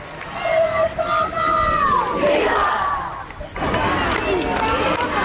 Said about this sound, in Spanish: Se le veía bastante bien desde aquí, desde la catedral de la Almudena. La imagen era muy clara y, claro, han empezado todos a gritar y a cantar.